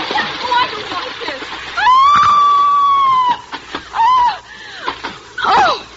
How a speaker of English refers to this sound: And now, scream convincingly as you slide down, darling. Bon voyage! Help! I'm slipping! Help!